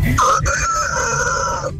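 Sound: rooster crowing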